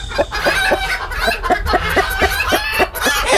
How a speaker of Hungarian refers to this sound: Vagy ha tyúkokat hallgatsz. Egyébként én hallottam már tyúkokat, akik egészen hasonló hangot adnak ki, mint az emberi nevetés.